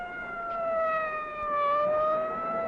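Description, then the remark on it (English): A fire engine siren wails steadily throughout, a loud, sustained tone that rises and dips slightly in pitch, with no one talking over it. “Follow the fire engine.”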